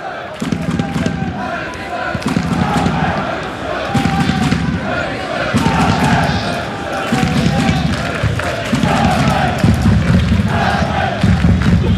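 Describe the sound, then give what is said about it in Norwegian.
A small crowd at a stadium during a Stabæk–Haugesund football match, in sunny, fine weather, makes steady noise throughout, with rhythmic low thumps pulsing in repeated bursts beneath the continuous murmur and chanting. “Litt publikum som må lage litt lyd.”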